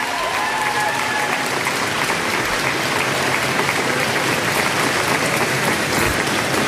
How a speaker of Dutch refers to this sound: In Downing Street, hij wacht even op applaus, staat vol medewerkers daar. Kijk even naar de medewerkers.